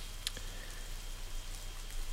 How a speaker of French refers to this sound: Ah si, ben voilà, j'avais pas monté la pluie avec les trains, là, c'est superbe ça.